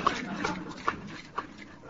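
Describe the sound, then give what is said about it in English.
A dog named Miff, presented as playing jazz trombone and carrying a small trombone, lets out a few short, faint whimpers spaced out over about two seconds against a soft, muffled background murmur. “Just how long do you think a dog's arm is?”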